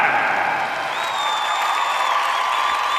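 An audience applauds steadily and densely for the full three seconds, with crowd cheering mixed in and a thin, sustained high-pitched tone running underneath.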